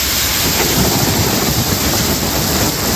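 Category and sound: nature, heavy rain and thunderstorm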